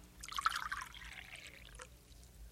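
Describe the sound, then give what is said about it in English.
A short stream of coffee pours into a cup, a bright splashing trickle that swells quickly and then thins out and tapers off within a couple of seconds. “Coffee's ready. Here. Let me have Nathan, huh? sound asleep. Here, I'll put him on the bed. Sit right down, Missy. I'll pour you a cup.”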